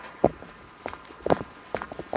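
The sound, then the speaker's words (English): Quick footsteps of a person excitedly walking back along a pier, about five solid thudding strikes in a slightly uneven rhythm over faint background hiss, with no voices. “This is actually just me excitedly walking back”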